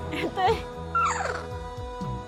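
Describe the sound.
A small dog at a crocodile water restaurant gives a couple of short, high-pitched yips and whimpers as its owner arrives and calls it, rising and falling in pitch, with people's voices and a low steady hum in the background.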